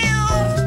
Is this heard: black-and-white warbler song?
no